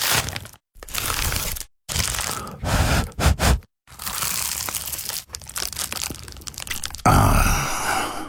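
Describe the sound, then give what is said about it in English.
Someone bites into an award-winning Dad's Pies pie with a series of loud, crisp crunches and crackles of flaky pastry, separated by short silences, ending with a satisfied sigh. “that was the sound of an award-winning dad's pie.”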